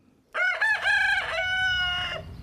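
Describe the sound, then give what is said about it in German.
A rooster crows once, loud, a single clear cock-a-doodle-doo of about two seconds, with choppy opening notes that stretch into a long, drawn-out final note. “Ein Hahn kräht, ein Auto fährt vorbei.”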